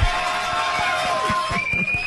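A crowd applauds steadily and fairly loudly for a couple of seconds to welcome a guest, a dense wash of clapping with faint cheering and some sustained tones underneath.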